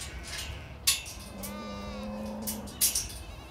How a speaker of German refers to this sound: Das ist Lahnvieh. Historische Rasse. Gibt noch ca. 2000 Stück. Besonders widerstandsfähig. Kann ohne Probleme auch harte Winter im Freien überstehen.